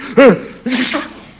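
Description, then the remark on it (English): A single sharp sneeze from someone who has caught a cold, a sudden loud burst with a quick falling voiced tail, followed a moment later by a brief softer vocal sound. “Bless you.”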